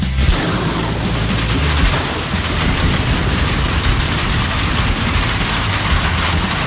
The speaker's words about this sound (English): Heavy rains are here, and that can spell trouble for your septic system.